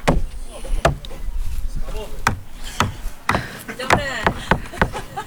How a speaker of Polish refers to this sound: O, stukanie, bardzo dobrze.